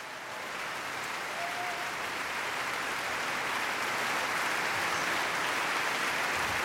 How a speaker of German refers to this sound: Er kommt noch einmal auf die Bühne, verneigt sich und auch das ganze Orchester klatscht für ihn.